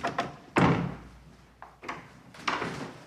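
A door swings shut with a solid thump, surrounded by a few lighter knocks and clunks of handling, with no voices, as visitors enter the offices of the magazine Christus in a newly renovated building.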